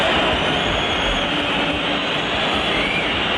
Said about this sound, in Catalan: I l'afició del Bernabéu, com sentim, va tornar a xiular el seu equip, sobretot després del 3-1 de Sergio Camello pel Rayo al minut 51.